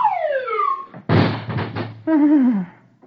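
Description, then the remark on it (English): Mr. Dithers' office door bangs open with a heavy, rattling crash as Dagwood is thrown out, framed by falling whistle-like wailing tones before and after, in a comic sound effect. “Dithers' door opens, and out sails Dagwood.”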